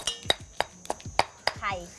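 Curry paste pounded in a mortar: a steady run of about seven sharp strikes, each a dull thud with a bright, ringing clink, and a brief voice near the end.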